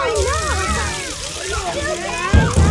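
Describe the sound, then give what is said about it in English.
Water is thrown onto a man who has fainted, splashing and sloshing in a steady wash for a few seconds, with a heavier splash near the end, while several voices chatter and call out over it. “Splash water on him. Throw the water on him.”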